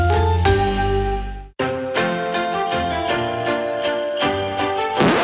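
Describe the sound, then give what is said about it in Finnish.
A doorbell rings out a bright, multi-note chime melody, one sustained tone followed by a run of ringing strikes that overlap and decay. It's loud, with no voices. “Niin, nykyään se on ovikello.”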